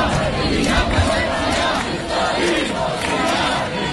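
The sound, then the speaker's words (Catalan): A large crowd of attendees shouts in unison after the trial of Esquerra leaders over the procés, voices merging into a loud, continuous roar of protest chanting with rhythmic swells, steady in volume throughout. “Recordareu els crits d'alguns assistents després del judici al procés a líders d'Esquerra.”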